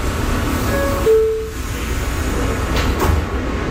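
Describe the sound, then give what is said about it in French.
A subway train heading north toward Harlem rumbles steadily with a low, constant roar after its doors close, a brief rising electric whine near the start and a short clatter later, like a metro car pulling away along the tracks. “Le métro nous emmène maintenant plus au nord, en plein cœur de Harlem.”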